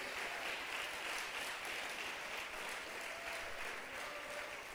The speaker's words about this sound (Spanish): ¿Cuántos dan gloria a Dios? Aleluya, démosle un fuerte aplauso al Señor Dios de los cielos.